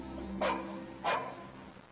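A search-and-rescue dog named Lola gives two sharp barks, a little over half a second apart, during field training in woodland and abandoned buildings near a training base, searching for a hidden dummy, over a steady low background hum.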